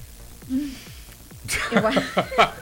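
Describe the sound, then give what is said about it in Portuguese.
A woman gives a quick, noisy sniffle that bursts out after a quieter opening, followed by a few short breathy snorts mixed with soft voiced, chuckle-like sounds. “Ó a fungada que ela deu.”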